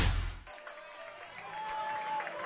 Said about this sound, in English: Welcome back here to Tushla Field, and the Auburn crowd getting loud, trying to support their squad and get them to come back here, trailing 5-0 in the bottom of the seventh inning of this District C4 title game.